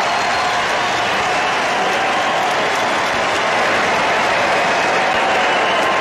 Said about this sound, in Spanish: Al tomar su primer turno al bate, en la tercera entrada, los más de 40.000 aficionados en el estadio se pusieron de pie para ofrecerle una ovación.